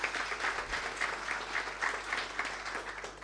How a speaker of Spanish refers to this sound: Gracias por estar acá, un aplauso para él.